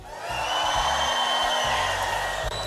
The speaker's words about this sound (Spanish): Entonces, si están despiertos, ¿podemos dar un grito de júbilo?